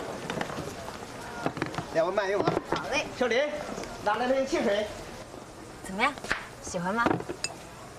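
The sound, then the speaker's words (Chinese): A knife chops vegetables on a board with sharp, irregular knocks, while voices talk over much of the chopping. “切菜的时候小心着点，别切着手啊！”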